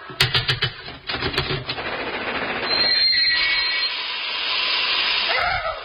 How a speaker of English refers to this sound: Oh, puff-puff train.